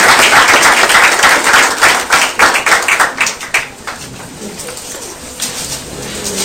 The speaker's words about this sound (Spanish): ¿Qué te parece si te damos un aplauso al Señor? Amén. Toda la gloria para Él.